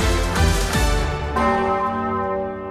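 The large Osanna bell of the Martinskirche in Kassel rings loudly, its deep strikes overlapping into a dense, sustained wash of humming overtones with no voices present.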